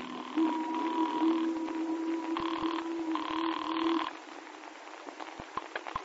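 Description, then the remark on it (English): A telephone rings in a few buzzing, tonal bursts heard over a line, a call placed from Teddington on the river, then falls quiet with a handful of faint clicks at the end. “And so when we docked again to take another machine gun aboard, I made a phone call.”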